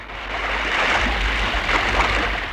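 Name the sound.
storm at sea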